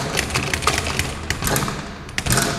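Repeated wooden rattling and knocking as a stuck door is shoved and yanked, with sharp irregular clatters and a low rumbling strain underneath, moderately loud and without any voices.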